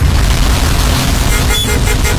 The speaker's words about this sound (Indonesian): Tapi kita dengar dulu yang lagi macet-macet berikut ini.